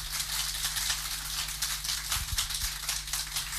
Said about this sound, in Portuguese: Portanto, quanto maior a salva de palmas, mais eles gostam de si, por isso eles não queriam parar, não é? Fui eu que tive mesmo que pedir.